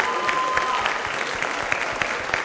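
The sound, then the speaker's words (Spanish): An audience claps steadily for students of the Prepa 5 representative team on the programme Súbele a la Ciencia, a dense wash of many hands with sharp individual claps popping out, sustained at a fairly loud level for a couple of seconds. “Un aplauso para ellos.”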